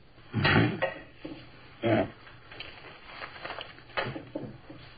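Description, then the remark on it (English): A person empties their pockets, including keys and a wallet, onto a table: a few solid thuds at irregular intervals, with lighter clatters and rustles between them, moderately loud and with no one talking. “All right, take everything out of your pockets. Put it right down here.”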